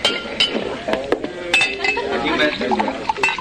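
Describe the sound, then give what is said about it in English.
Several bright glass clinks ring out at irregular intervals, fairly sharp, as a glass of rye whiskey is served, over a busy background murmur of voices and soft kitchenware clatter. “Oh, glass of rye? Yes, sir.”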